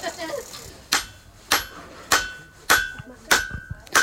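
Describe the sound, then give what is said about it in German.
A hammer strikes hot metal being forged on an anvil in a steady rhythm, about six sharp blows roughly half a second apart, each leaving a brief metallic ring, fairly loud. “schlägt jetzt auf dem Hammer, auch so mit anderen.”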